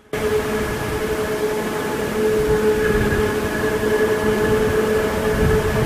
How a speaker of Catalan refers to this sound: No, i quan no sents el tren és que passa dins d'un túnel. I jo diria que és això que era divertit, perquè ara se sent menys, perquè segurament hi ha arbres al costat dels túnels.